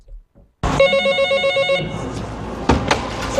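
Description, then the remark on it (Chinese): A telephone rings loudly with a bright, buzzy electronic tone for about a second, then gives way to clattering room noise and a couple of sharp knocks or clicks. It is a help call from a merchant with limited mobility to the approval window of the market supervision bureau in Fuxin, China. “就接到一位行动不便的商户打来的求助电话。”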